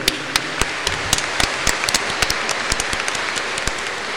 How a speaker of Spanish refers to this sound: Bueno, ofrezcámosle un fuerte aplauso a todos los niños.